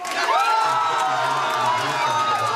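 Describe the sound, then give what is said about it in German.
A crowd cheers and whoops loudly and continuously, many overlapping voices shouting in jubilation with a sustained, dense roar and no pauses. AfD supporters at their election party in Schwerin, Mecklenburg-Vorpommern, celebrating the party becoming the strongest force with 38.2% of the vote. “Die AfD in Schwerin auf ihrer Wahlparty im Freudenrausch.”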